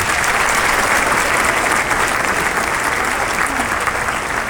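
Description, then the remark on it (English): A crowd applauds steadily, a dense wash of many hands clapping at constant loudness with no pauses, the sound bright and hissy throughout. “for keeping them clapping long enough for me to grab my iPhone”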